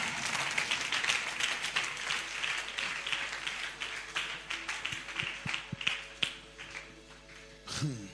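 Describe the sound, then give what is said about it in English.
A large crowd at a church prayer service claps continuously, a dense, steady wash of many hands that thins slightly midway and then swells into a louder burst near the end. “Clap for yourself. Clap for yourself. Oh, clap better, clap better, clap better.”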